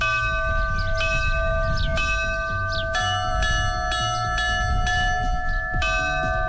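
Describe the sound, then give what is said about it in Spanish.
A church bell rings out a toll composed by the Navarre bell-ringers' association for the eclipse, in a steady series of bright, resonant strikes, roughly one per second, each tone ringing on and overlapping the next over a low background rumble. “Por ejemplo, este es el tañido que va a sonar cuando se produzca el eclipse.”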